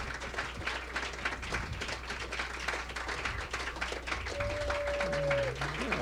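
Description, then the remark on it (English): Steady audience applause at the Blue Note jazz club after a live set in October 1982, dense clapping throughout, with a brief sustained horn tone rising above it near the end. “Okay, one last round of applause”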